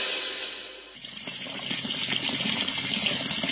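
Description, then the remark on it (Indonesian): A tap runs steadily with a broad, hissing splash of water, fairly loud, briefly softening before surging back to a constant full flow with no voices. “Eh, itu keran kenapa nyala mulu?”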